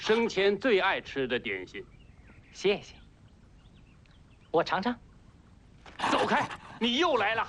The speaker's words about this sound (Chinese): 走开！你又来了，这条该死的狗！